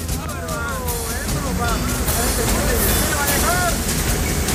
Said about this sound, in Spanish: Sí, este video es correspondiente a la Cuesta Cardones, ¿eh? Viene bajando agua a esa altura